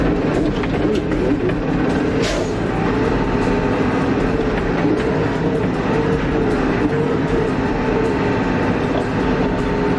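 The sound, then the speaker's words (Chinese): An off-road vehicle's engine and chassis rumble steadily and heavily for the whole stretch, with scattered knocks and rattles as it drives over a bumpy-road test section of a soldiers' training course. No one speaks. “让我们来感受一下吧，这车过凹凸路的时候会是个什么样子。”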